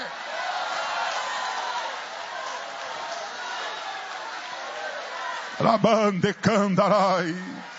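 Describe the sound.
An audience at a morning church service claps and cheers for the name of God in a dense, steady wash of noise for several seconds, then a single voice begins speaking loudly over the fading crowd.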